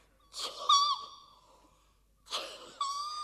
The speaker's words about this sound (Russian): Что, чихаешь? Нет уж, я тебя отсюда никуда не выпущу. Дорого мне царский табачок обошелся, нюхай теперь ты его.